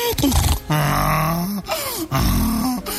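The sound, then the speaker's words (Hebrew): A person imitates the bray of a donkey harnessed to a watermelon seller's cart, loud alternating hee-haw cries that swing between high, strained tones and low grunting honks, repeated several times in a rough rhythm. “פתאום החמור שרתום לעגלה התחיל.”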